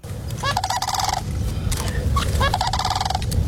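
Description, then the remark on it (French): Two loud, rolling trumpet-like crane calls, each a rapid rattling trill of about a second, separated by a short pause over a low, steady outdoor rumble. “La grue, exactement. La chasse à la grue qui va être autorisée sur les terres agricoles dès septembre.”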